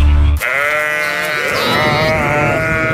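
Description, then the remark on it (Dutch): A sheep lets out a long, wavering, nasal bleat, joined midway by another overlapping bleat at a slightly higher pitch, loud and steady with no talking. “Hey, schat, tel je nu alweer schaapjes?”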